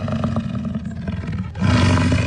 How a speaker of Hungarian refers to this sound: Igen, ez egy bölény volt, méghozzá az amerikai bölény, amely egykor Mexikó északi részének jellegzetes állata volt.